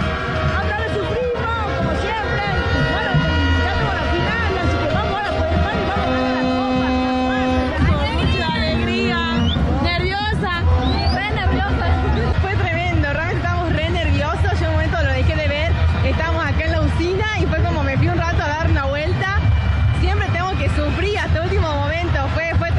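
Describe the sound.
A dense crowd of Argentina football fans roaring and chanting for the goals, loud and sustained throughout, with many overlapping voices rising and falling and some steady horn-like tones in the mix.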